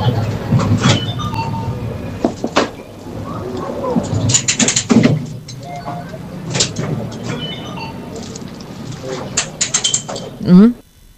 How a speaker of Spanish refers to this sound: un dispensador de comida, estas máquinas de vending, que está pagando con monedas.